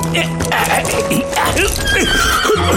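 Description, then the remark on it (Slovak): A horse neighs loudly, its whinny rising and falling, while hooves clip-clop steadily underneath in a quick rhythm. “No, nasadnem na koňa.”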